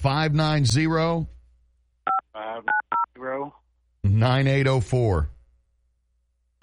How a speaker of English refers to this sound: Just dialing while on the air. I don't know how he pulled that one off. Maybe he had a landline in one hand and a cell phone in the other.